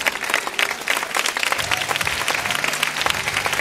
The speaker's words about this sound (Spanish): Amén. Eso, aplaudan.